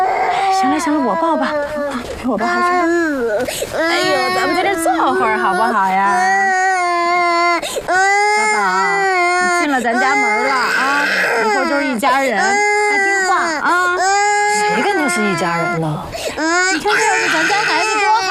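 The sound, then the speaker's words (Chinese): A baby wails loudly and continuously, with rising and falling sobbing cries that fill the whole stretch and barely pause for breath. “那小孩哭不是正常的吗？”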